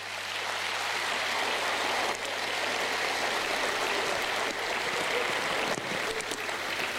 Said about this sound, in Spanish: Fuerte el aplauso para las madres de antes.